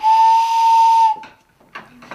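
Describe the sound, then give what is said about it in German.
Two barrel organ pipes, taken from the organ's case, sound together in one loud, breathy blast lasting about a second, like a steam train whistle, followed by a few softer, airy puffs. “Und wenn man die zusammenspielt, hat man eine Eisenbahn.”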